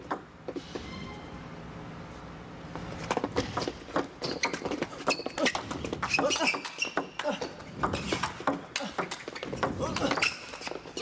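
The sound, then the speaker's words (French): A table tennis rally in a match: crisp, rapid ball clicks bounce back and forth at an irregular, quickening pace, bright, the ball bouncing very high on the table, over a low murmur of voices and background ambience. “J'ai l'impression que la balle rebondit très haut sur cette table.”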